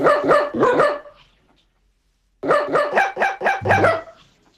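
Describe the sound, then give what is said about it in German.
A female dog, Fee, yowls in a sing-song, tune-like way, singing a well-known hit from the radio station HR4: three quick tonal yelps, a short pause, then about six rhythmic, howling notes, loud with no music or talking. “Okay, hier ist es auf jeden Fall so, dass Hündin Fee einen bekannten HR4-Hit singt und wir hören uns den jetzt nochmal zusammen an.”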